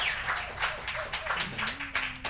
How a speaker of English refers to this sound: Let's give those folks a nice round of applause for airing our program.